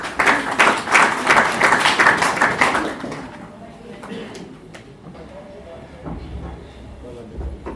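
A crowd applauds loudly for about three seconds, a dense patter of many hands clapping, then it fades into low murmuring and scattered background noise.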